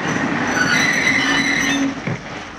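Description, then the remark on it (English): A steam train's brakes screech loudly with sustained high-pitched squealing tones over a rumbling rail noise as it crosses the Dakota prairies, then the sound drops off abruptly as the train halts, leaving a softer hiss. “The train chugged, huffed and puffed its way across the wild Dakota prairies, just as far as it could. Then the brakes screeched to a stop.”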